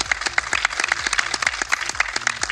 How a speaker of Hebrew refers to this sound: ואנחנו כאן בעיר רחובות, אז קודם כל מחיאות כפיים לרחובות.